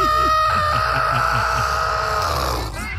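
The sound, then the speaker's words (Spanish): A voice imitates a chicken being strangled, like a hen having its neck grabbed: one loud, strained, squawking cry held for about three seconds, with a raspy, choking flutter underneath. “Como cuando le agarran el pescuezo a la gallina.”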